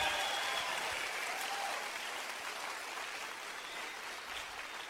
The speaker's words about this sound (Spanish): Démosle un aplauso al Señor por María. ¡Fuerte! ¡Fuerte! ¡Aleluya!